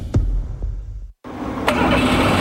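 A Toyota Corolla engine, recently fitted with new spark plugs, cranks with a low rumble, cuts out for a split second, then catches and settles into a steady, loud idle. No one speaks.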